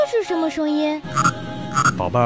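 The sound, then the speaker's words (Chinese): A child's voice asks a brief question, then a loud frog croaking follows, a raspy, rapidly pulsing call repeating in short bursts. “宝贝儿，这是青蛙的叫声啊。”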